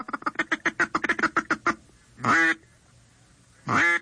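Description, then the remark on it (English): A duck call's feed chuckle, imitating the low-pitched cackling ducks make when feeding on the water and at rest: a quick run of about a dozen short, low cackling clucks, followed by two longer, separate quacks, fairly loud with no talking. “As they get even closer, you will cut back on the frequency and the volume of your calling, and you will go into a feed chuckle, which is a low-pitched cackling sound that ducks make when they're feeding on the water and at rest.”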